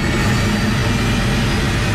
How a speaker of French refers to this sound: L'hélicoptère prend son envol. Par le hublot, on aperçoit les montagnes du Rwenzori et ses forêts impénétrables où se cache une partie du groupe islamiste.